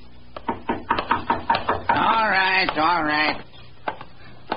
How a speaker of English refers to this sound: A tall, slim man about 40 had been sitting in the front parlor of his rooming house. He'd heard a knock at the door, and he was on his way to answer it.